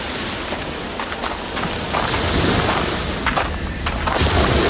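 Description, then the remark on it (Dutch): Crunchy footsteps of people walking on a beach of broken coral and shell pieces, including oyster shells, an irregular series of gritty crackles, with a steady wash of wind or surf behind them. “Lopen op een soort, wat is het, een kalkstrand?”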